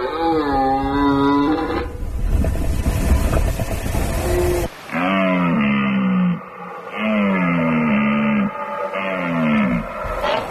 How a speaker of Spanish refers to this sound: Fíjate este suena la vida. Qué maravilloso es. La berrea en todo su esplendor.